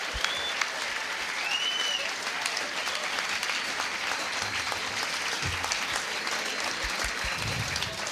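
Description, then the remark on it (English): Sustained audience applause fills the whole stretch, a dense, steady patter of many hands clapping at an even loudness, with a brief whistle rising above it early on. “ladies and gentlemen, how about a round of applause for the maggot from Mungar?”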